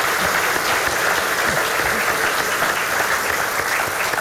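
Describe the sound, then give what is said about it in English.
An audience at a question session with the Prime Minister applauds itself steadily, many hands clapping in a dense, even wash of sound that stays loud and unbroken throughout, with no voices standing out. “I would love to for you to give yourselves a round of applause for being an awesome audience.”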